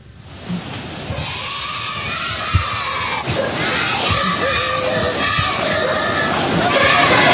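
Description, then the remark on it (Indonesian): A crowd of schoolchildren from SD Negeri Olfab in Timur Tengah Utara, Nusa Tenggara Timur, Indonesia, chants the cheer 'ayo maju-maju' at civil servants crossing a river without a bridge, their high voices rising into a loud, sustained rhythmic yell with occasional sharper shouts throughout. “Sebuah rekaman milik warga memperlihatkan sejumlah siswa dari SD Negeri Olfab di Timur Tengah Utara, Nusa Tenggara Timur menyorakkan yel-yel ayo maju-maju kepada sejumlah ASN.”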